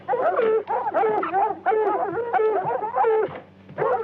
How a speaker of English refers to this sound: Some hound got scent of something out there, all right. Wild dog. Close in by the sound of them.